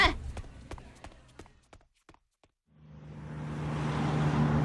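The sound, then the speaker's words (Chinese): Footsteps tap briskly for a couple of seconds, then a brief hush gives way to a swelling bus-station din as a bus is about to depart: a low idling engine hum and broad rushing bustle growing steadily louder. “哎，上车上车啊，动作快点，马上就要发车了。”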